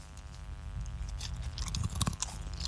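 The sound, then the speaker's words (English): Loud chewing by a man eating a whole handful of crunchy snacks from a packet, with repeated crisp crunches and bites in an irregular rhythm, heard alone without talking. “All right, he's eating a whole handful, everybody.”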